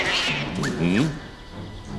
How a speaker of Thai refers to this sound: เสียงแมวเลยทำไมในท้องพระโรงมีแมวเจ้าไปดูทีสิ